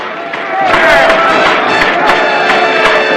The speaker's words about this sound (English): all around him leap up and down in enthusiasm. Starbuckle raises his hand towards the chairman and clamors to be heard above the noise of the crowd